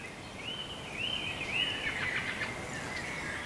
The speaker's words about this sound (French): Et à ce concerto d'oiseaux. Je vous y laisse.